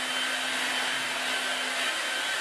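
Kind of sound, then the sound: household object, hair dryer blowing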